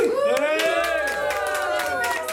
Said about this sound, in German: Und jetzt dürft ihr mal alle ganz, ganz laut sein und ihm gratulieren, indem ihr jubelt. Passt, machen wir auf 1, 2, 3.